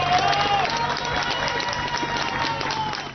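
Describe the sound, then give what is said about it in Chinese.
Rescuers and residents cheer and clap together, a loud, steady roar of many voices with scattered hand claps, no single speaker standing out, celebrating after a Spanish military emergency unit rescued a woman from a collapsed building after an earthquake. “而西班牙军事应急部队成功在一个倒塌的建筑中救出一名妇人，妇人被救出后被立刻送往医院救治，搜救人员与在场居民欢呼庆祝。”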